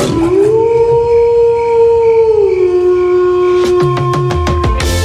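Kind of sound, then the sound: animal, wolf howling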